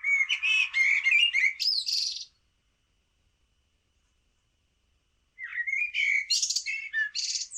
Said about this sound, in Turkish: Kara tavuğu da dinledik. O da şehir ve parklarda çok fazla var. İstanbul dışında bütün Ankara, Kayseri gibi Anadolu bölgelerinde de park ve bahçelerin ve bağların fazla olduğu yerlerde çok fazla duyuluyor.